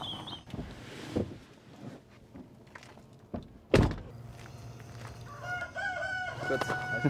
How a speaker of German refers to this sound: 1000 Maran-Hühner leben hier. Sie sind bekannt für hochwertige Eier.